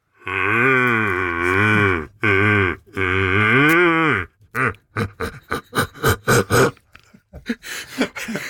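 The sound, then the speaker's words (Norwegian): A person imitates the roar of a large red deer stag: three deep, drawn-out groaning bellows, then a quick run of short, loud grunts that trail off into breathy noise. “Men akkurat selve den brølingen som jeg da prøver å kopiere disse store bukkene, det tar litt tid, fordi at det er noen teknikker her, og ja, det er ikke gjort bare i håndvending.”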